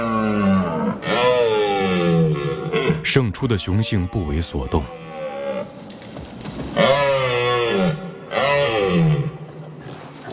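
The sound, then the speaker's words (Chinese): Male European red deer stags roar in several long, loud, deep bellows with a rough, groaning tone, rising and falling in pitch, during courtship and mating: a dominant stag that has just beaten an older rival, and the defeated stag. A narrator speaks between the calls. “这只雄性欧洲马鹿刚刚打败了一个年老的对手，取得了主导地位。”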